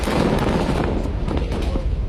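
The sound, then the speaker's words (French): A massive blast of demolition charges set off by the Israeli army at Ali Taher in southern Lebanon, said to use 1,100 tonnes of explosives, roars continuously. A dense, thunderous rumble with sharp crackling bursts layered through it stays loud and sustained for the whole moment, with no voices. “D'abord un immense flash de lumière, une longue ligne de flammes qui s'élève et un bruit assourdissant.”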